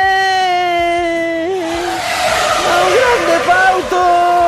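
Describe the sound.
A voice imitates a bicycle speeding past with a loud, sustained high-pitched whine that wavers and bends in pitch, then turns into a rougher, rushing hiss for the final seconds.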